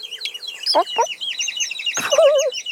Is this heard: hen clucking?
yes